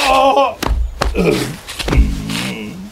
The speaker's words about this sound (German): Aua. Oh nein! Mein Po. Jetzt bist du auch hingefallen. Warum ist das so rutschig? Es hat heute Nacht Glatteis gegeben.